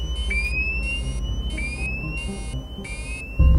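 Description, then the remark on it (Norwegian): An aircraft cockpit fire alarm sounds because the left engine, the plane's only working engine, is on fire. It gives repeating electronic pulses, each with a rising chirp tone, about four bursts in steady rhythm over a low engine rumble, with a sudden thump at the end. “Så går brannalarmen. Venstre motor, flyets eneste fungerende motor, står i brann.”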